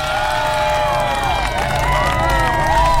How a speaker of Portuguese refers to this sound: Então, palma ao dia. Pera, palmas, né? Palma não, uma palma só não. São várias. Palmas ao dia do veterinário.